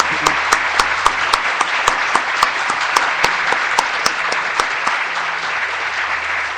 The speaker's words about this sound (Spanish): ¡Aplausos!